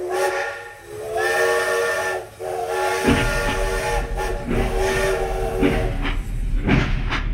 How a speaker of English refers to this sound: And then we have trains.